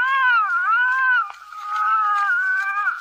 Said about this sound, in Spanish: Este bebé que estás escuchando fue grabado el 1 de enero de 1892. Los archivos indican explícitamente que la canción registra los sonidos de un bebé llorando de forma cada vez más agitada. Records the sounds of an increasingly agitated crying baby.